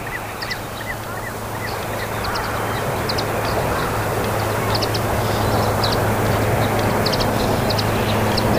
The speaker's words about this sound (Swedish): Så kommer det svanar, tre stycken, lågt över vattenytan.